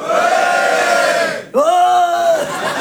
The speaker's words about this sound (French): Oh, ils se sentent toujours obligés de beugler, les garçons. Hein? Je sais pas, tu sais, d'hurler à la face du monde.